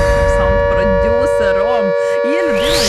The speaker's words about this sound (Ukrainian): Увага всім, повітряна тривога. Прослідуйте до найближчого укриття.